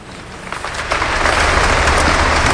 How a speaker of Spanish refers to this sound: Lo que estás escuchando ahora mismo en directo son los aplausos al discurso que ha dado su santidad el Papa León XIV aquí en la Abadía de Montserrat,